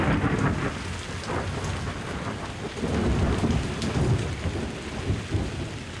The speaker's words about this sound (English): It had become pitch dark. The air trembled with lightning. Thunder and horrible cries for help from the drowning people.